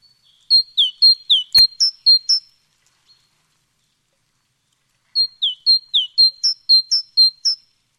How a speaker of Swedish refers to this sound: Vad var det där? Ja, men det här är ju talgoxen. Ja. Och den är ju en stannfågel, så den ser du ju också vid matningarna.